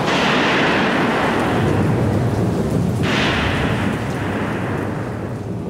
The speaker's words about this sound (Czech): Bouře zesílila. Do boku domu narážel skučící vichr.